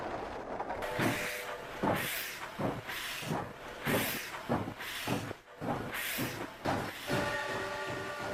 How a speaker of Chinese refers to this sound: 第二天清晨，满载文物的火车驶出了前门火车站，人类历史上规模最大、历时最长的文物大迁移就这样开始了。